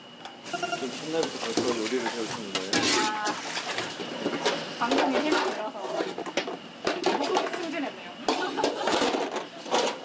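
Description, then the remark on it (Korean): Kimchi jeyuk bokkeum (spicy pork and kimchi) stir-frying in a hot pan in a restaurant kitchen, a steady crackling sizzle with scraping and clattering, while voices talk faintly underneath throughout. “그리고 제가 주방에 돌아왔습니다. 김치 제육볶음을 볶는 중인데요.”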